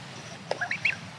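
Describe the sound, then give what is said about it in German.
A few brief greylag goose calls in Hamburg, honks in a quick series of three or four against a low background hum, with no one speaking. “Die meisten Graugänse kommen nur zum Brüten nach Hamburg und ziehen weiter, sobald der Nachwuchs flügge ist.”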